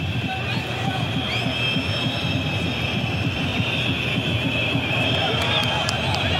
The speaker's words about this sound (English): And the defiant shrill whistles from the Moroccan supporters as the opposition's in possession despite a disheartening day for them.